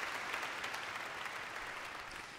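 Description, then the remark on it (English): Sustained applause from a large concert audience after a performance, a dense steady wash of many hands clapping at an even, loud level with no pauses and no voices. “Isn't that just rapturous applause there?”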